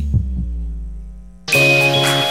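A low, muffled double thump like a heartbeat opens a Radio del Sur 98.5 station jingle, followed by a steady droning hum, then a loud, bright electronic chord swells in abruptly with no voices.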